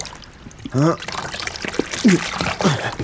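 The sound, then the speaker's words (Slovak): Water sloshes and splashes in uneven bursts, moderately loud, as a heavy fishing net holding a large fish is hauled out of the water at sunset, with a few short strained vocal grunts mixed in. “No, ešte raz vyťahnem sieť a poberiem sa domov.”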